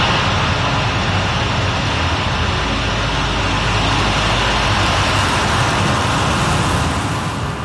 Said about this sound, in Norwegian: Nedtellingen når null, og 10 motorer brøler til liv. Og den 28 meter høye raketten stiger til værs over Norske havet.